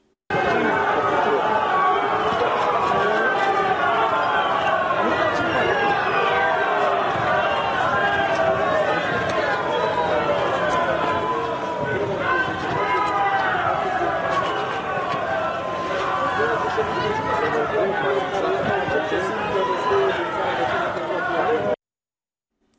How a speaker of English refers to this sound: And in the last few minutes, a group of people actually booed the president of Romania as he was visiting that site of the drone attack.